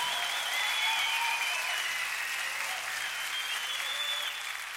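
An audience applauds the musicians steadily, a dense wash of clapping that holds at an even, fairly loud level throughout with no voices standing out, tapering only slightly at the very end.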